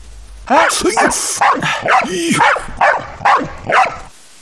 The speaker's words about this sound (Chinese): 也不知道是流浪狗还是谁家养的狗。